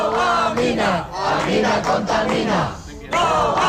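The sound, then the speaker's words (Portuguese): More than a hundred protesters in Galicia, at the border with Portugal, chant in unison against a tungsten mine planned by a Swedish company: loud rhythmic slogans rising and falling in repeated phrases with brief pauses between them, no other speech over the top. “Facémonos agora eco dunha protesta contra un proxecto mineiro no límite con Portugal.”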